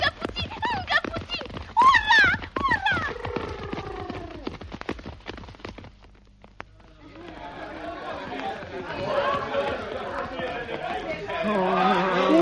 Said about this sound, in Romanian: Nu știu, calul parcă a turbat! Degeaba trag de hățuri, că nici nu se închisește! Hei! Așa zboară ca fulgerul căluțului! Hei, oprește! Calul! Oprește!